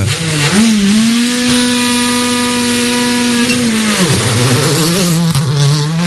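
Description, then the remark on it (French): Race car engines rev loudly at the start of a rally special stage, the droning pitch climbing, holding high for a few seconds, then dropping briefly before rising again. No one speaks. “Appréciable d'entendre ces moteurs s'emballer.”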